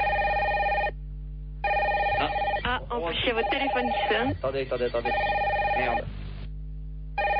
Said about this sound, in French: Ah, en plus, il y a votre téléphone qui sonne. Attendez.